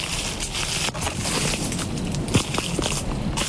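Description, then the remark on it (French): Steady crunching and rustling of footsteps through dry dead leaves among shrubs on limestone ground at the foot of the Pyrenees, a dense crackly texture with a few sharper snaps toward the end, moderately loud with no voices. “Les feuilles mortes.”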